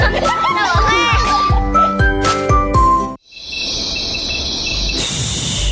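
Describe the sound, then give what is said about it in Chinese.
A steady, high-pitched buzzing of mosquitoes and flies drones on continuously for the second half, fairly loud, following a few seconds of bright, rhythmic tinkling music. “你听，他们正在开会。 我们蚊子家族啊”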